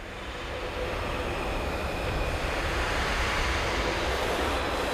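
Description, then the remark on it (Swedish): Brass players push air through their instruments without sounding a note, making a steady, pitchless rush like wind that swells slightly at first and then holds evenly throughout, with no voices. “Och det är faktiskt blåsarna som bara blåser genom sina instrument. De skapar liksom ingen ton, utan de blåser.”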